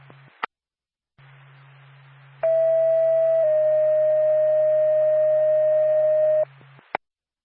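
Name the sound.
dispatch radio alert tone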